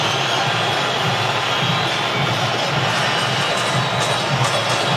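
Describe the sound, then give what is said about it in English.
A large stadium crowd at a football match in Guadalajara, with DR Congo playing, roars and cheers continuously, a dense, steady wash of voices at a constant loud level throughout, with no single voice standing out. “I'm not exactly sure if you can vote for the crowd here at Guadalajara”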